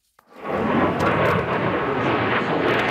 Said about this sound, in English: At a major international air show in the U.K., the next generation of fighter jet is on display. The UK, Japan, and Italy are working together to build it by 2035.